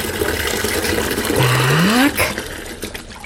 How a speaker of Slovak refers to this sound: Teraz nalejeme zohriatú vodičku do drezu.